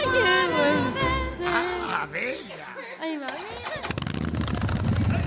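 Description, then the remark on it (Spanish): A motorcycle engine rumbles in, growing into a rough, pulsing drone over the final seconds, while voices chatter and laugh loudly throughout. “Ahí va, ahí llega tu moto.”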